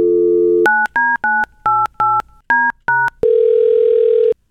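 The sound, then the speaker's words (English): A phone dial tone gives way to a quick run of eight keypad beeps, followed by a loud, steady ringback tone as the call goes through. No one speaks. “Yeah, what took you so long to answer the phone?”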